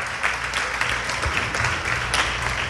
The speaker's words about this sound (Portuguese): Vamos aplaudir ao nome de Jesus.